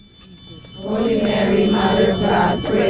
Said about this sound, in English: on a warm Saturday morning in May, ringing bells pierced through the quiet in the neighborhood surrounding St. Mary's Church on East 8th Street in National City.